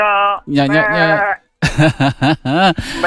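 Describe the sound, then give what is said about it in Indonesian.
A goat being handed out by a neighborhood association bleats loudly, a few long wavering cries followed by a quick run of shorter, choppy bleats after a brief pause. “Ini kita lagi bagiin nih, RT saya lagi bagi-bagiin kambing.”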